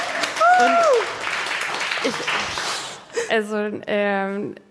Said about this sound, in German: Ein Applaus für unsere Wissenschaftlerin!